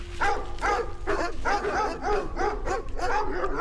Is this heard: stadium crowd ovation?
no